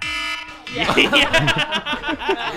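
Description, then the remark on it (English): A harsh, buzzy classic phone timer alarm tone sounds steadily for a moment, then people burst into laughter and chatter while the tone keeps ringing faintly underneath. “Is there a better alarm one? The one that's like it's like a classic one. That one's pretty evil.”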